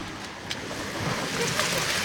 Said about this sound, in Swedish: fötter i vattnet.